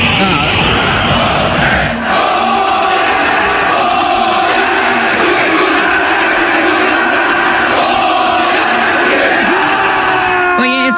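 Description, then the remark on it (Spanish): A large stadium crowd, with a father holding his son's hand in front of the crowd, roars the Goya chant in unison, a dense, loud wall of voices that holds steady for several seconds, with sustained shouted tones rising above the general din. “Efraín Juárez fue de la mano con su hijo y gritó así con el público”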